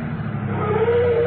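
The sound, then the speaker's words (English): A car engine hums steadily, its pitch rising slightly as it revs while maneuvering into a parking place, with no voices present. “I see a parking place.”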